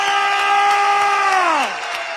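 An audience applauds and cheers with steady scattered clapping, while a loud sustained horn-like tone holds its pitch and then slides sharply downward near the end.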